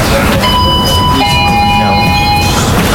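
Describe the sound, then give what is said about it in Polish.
A blue tram pulls away slowly and smoothly as its brakes release at a tram depot in Kraków, Poland, a steady low rumble with thin, rising electric whines starting up and sustaining, heard from inside the tram at the controls. “Puściły hamulce. Okay. Ja spokojnie, powoli nam płynnie rusza.”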